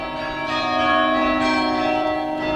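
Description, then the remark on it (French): Restored carillon bells in Bordeaux ring together in a steady, resonant wash, their sustained overlapping tones filling the space, with no voices present. “Il a fallu notamment nettoyer des parements, remplacer des pierres altérées, enlever des joints en ciment, remplacer par un mortier de chaux ou de résine pour mieux résister aux agressions climatiques et également restaurer le carillon.”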